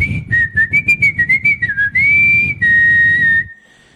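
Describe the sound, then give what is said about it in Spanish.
A lively whistled mambo tune, a quick run of clipped rhythmic notes giving way to longer held tones, loud over a low musical backing, stopping abruptly near the end. “Mambo silbao. La gente ya casi poco silba, ¿no?”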